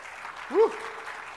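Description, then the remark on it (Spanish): A Spanish-speaking church audience applauds for the Lord with a steady, even wash of clapping throughout, and a short rising-and-falling whoop cuts through the clapping midway. “Dale un aplauso al Señor ahí donde está.”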